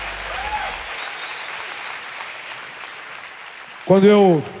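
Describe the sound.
An audience applauds in a steady, dense wash of clapping for several seconds, then a voice cuts in loudly over the tail of the applause.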